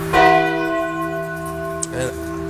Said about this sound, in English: Ring the bell, start us up.